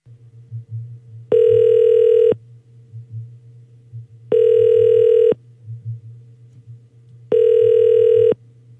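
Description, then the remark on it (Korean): An outgoing phone call from a Far East Broadcasting Company (극동방송) radio producer, placed as a confirmation call to a listener, rings out with three loud, steady ringback tones, each about a second long, spaced a few seconds apart over a low background hum. “제가 한번 확인 전화 한번 해볼게요.”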